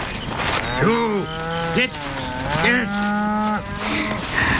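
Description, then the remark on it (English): Several cows moo one after another as they are herded from the pasture into a barn, deep drawn-out lowing calls that overlap and rise and fall in pitch, loud against a faint outdoor background. “and they began herding the cows into the barn as they did every night.”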